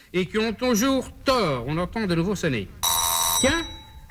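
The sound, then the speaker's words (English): A voice talks for a few seconds, then a doorbell gives one bright, buzzing electric ring lasting under a second, with the voice briefly overlapping it. “Experience shows that when the doorbell rings, there's never anyone there.”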